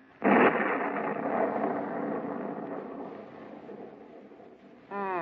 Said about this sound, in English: Storm is coming up stronger now.